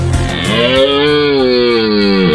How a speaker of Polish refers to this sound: To tylko rykowisko, czyli po prostu okres godowy jelenia, przypominają leśnicy. Zaczęło się rykowisko, czyli okres godowy jelenia naszego europejskiego. I można usłyszeć u nas porykiwanie w określonych kompleksach leśnych oczywiście